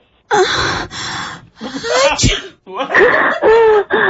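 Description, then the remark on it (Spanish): A sharp sneeze from someone with a cold bursts out midway through a string of breathy, gasping vocal sounds, loud with short pauses between each burst. It is played over a telephone in a sound-identification test. “Y otro, y ahí mismo como que alguien estornudó.”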